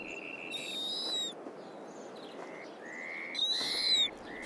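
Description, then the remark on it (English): An owl calls in high, thin whistling notes: two longer, rising squeals separated by several shorter, softer whistles, over a steady background hiss with no voices. “The owl is waiting for the lemming above all else.”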